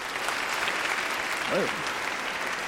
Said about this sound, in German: Applaus für